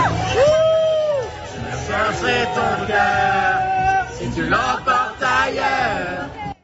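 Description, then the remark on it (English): A loud, excited crowd of fans cheers and screams outdoors on a street in Paris as a Canadian singer emerges from her hotel, with sustained high-pitched shrieks and whoops rising over steady crowd babble throughout. “The singer emerged from her hotel in a black leather gown, waving and cheering along with fans, then broke out into one of her French hits, singing and dancing along with those fans.”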